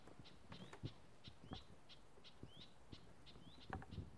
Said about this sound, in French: C'est quelle espèce d'oiseau qu'on entend? Ça, c'est des cris, ça, c'est pas des chants, c'est des cris.